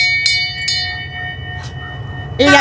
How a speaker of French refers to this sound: Nous, on a 2 klaxons. Si Émile pouvait les mettre, les klaxons et la petite cloche.